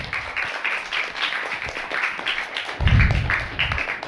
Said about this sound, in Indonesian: Kita ketemu lagi di acara Idola Anak di siang hari ini dan bersama dengan adik-adik dari SDN 10 Toli Toli. Tepuk tangan semuanya.